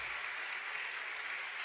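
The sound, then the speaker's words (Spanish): A crowd applauds steadily, a dense wash of many hands clapping at once, sustained and even for the whole stretch with no voices standing out. “Bueno, si van a aplaudir, aplaudan, hermanos.”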